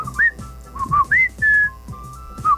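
A person whistles a short melodic call of several quick rising and falling notes, loud, with no talking over it; a whistle call used as a signal to one's partner.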